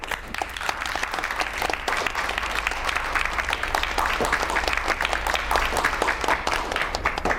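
A roomful of people applauds warmly, dense overlapping claps forming a steady, fairly loud wash that holds for several seconds with no talking over it.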